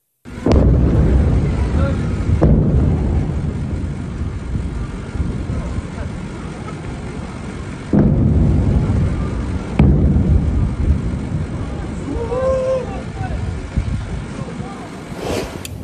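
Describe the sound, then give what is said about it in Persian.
Several loud explosions boom one after another at uneven intervals, each blast trailing into a deep, rolling rumble, with a faint voice briefly audible near the end; filmed by a viewer at dawn on 24 Tir in Sirik, Iran. “ویدیوهایی رسیده از مخاطبی به ایران اینترنشنال وقوع چندین انفجار را در بامداد 24 تیر ماه در سیریک نشان می ده”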